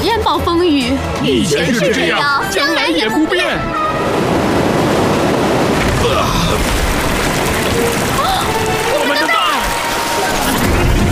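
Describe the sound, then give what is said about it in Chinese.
Loud ocean waves crash and roar against a barrier in a dense, continuous wash of surf that fills the second half, after a few seconds of voices talking over the water, in a scene from the cartoon Octonauts. “别说丧气话伙计，看看它，海浪都无法摧毁。”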